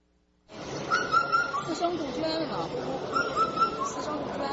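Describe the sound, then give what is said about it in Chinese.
A four-note whistled call of an Indian cuckoo repeats twice at a steady pace, clear, over a constant murmur of people chatting at a bird exhibition in the China Science and Technology Museum in Beijing, where visitors identify birds by their calls. “四声杜鹃了，四声杜鹃。”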